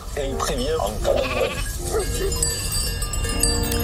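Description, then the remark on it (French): A flock of 260 ewes in the Pyrenees bleating, several wavering calls overlapping in the first half, with a steady jangle of livestock bells ringing throughout and a low rumble of wind or movement beneath. “berger d'un troupeau de 260 brebis dans les Pyrénées.”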